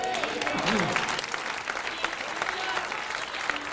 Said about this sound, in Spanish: Denle un aplauso a Dios.